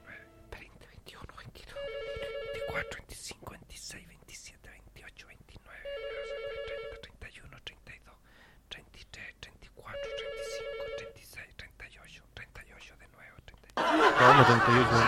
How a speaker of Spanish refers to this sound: 38, ¿no? Estáis contando los WhatsApp que llegaron.